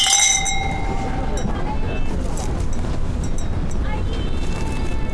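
Glasses clink together in a toast welcoming guests to a home, a bright ringing chime at the start followed by a few lighter taps, set against a steady, noisy background.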